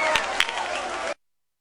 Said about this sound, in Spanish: ¡Aplauso!